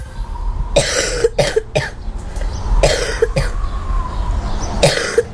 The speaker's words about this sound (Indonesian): kenapa ya akhir-akhir ini anak-anak kita jadi gampang batuk?